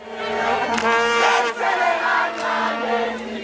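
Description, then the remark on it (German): South African football fans in their home country cheer loudly and continuously after Bafana Bafana's 2:1 win over South Korea, a dense roar of many voices with sustained shouted tones and brief swells of excitement throughout. “Und auf einmal ist der Jubel in der Heimat ganz groß”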